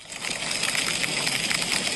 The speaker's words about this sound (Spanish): Y es que las tormentas han sido las protagonistas de este jueves por la tarde-noche en el Racó d'Ademús, el Serrans y la Plana d'Utiel Requena. El granizo, como han escuchado, caía en poco tiempo y con fuerza.